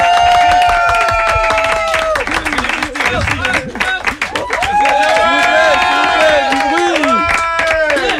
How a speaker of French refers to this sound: nous accueillons, s'il vous plaît, un tonnerre d'applaudissements